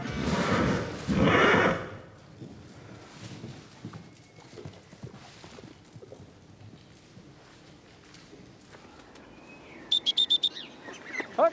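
A horse snorts loudly, hooves clop in a steady irregular rhythm, and near the end comes a short, high, quavering whinny, with no one talking.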